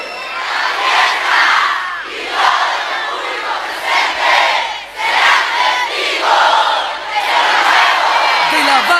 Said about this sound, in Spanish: Los aplausos. Los aplausos para el médico.